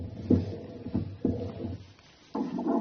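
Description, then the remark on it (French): Whooshing, throbbing pulses of a mother's blood flow picked up by a fetal Doppler, beating in a slow, steady rhythm about once a second, with a low hum between beats and no talking. “Le Doppler, ça sert à mesurer le flux sanguin entre vous et le bébé.”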